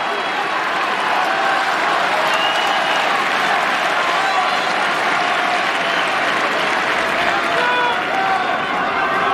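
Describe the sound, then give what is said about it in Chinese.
Steady, dense applause from a crowd of spectators at a tennis match, during a Zverev service game, sustained at an even, fairly loud level for the whole stretch, with no clear breaks between the claps. “正在鼓掌的这个就是科波利的弟弟。”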